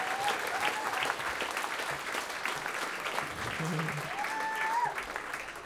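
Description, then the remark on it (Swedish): An audience claps steadily throughout for a music trio's performance, a dense, even wash of applause with a few faint whistles and cheers rising above it. “Ja, en till applåd för”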